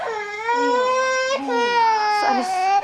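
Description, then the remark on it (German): A baby girl with a cold cries loudly and without pause, a high wailing sound that rises and falls over a few seconds, filling the whole recording. “Wissen Sie, die kleinen Babys müssen erst mal lernen, wie sie mit dem Mund atmen. Und beim ersten Schnupfen geraten sie dann in Panik.”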